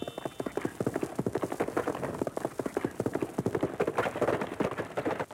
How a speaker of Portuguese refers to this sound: como o som de um cavalo a galope, muito usado em Jerônimo, o Herói do Sertão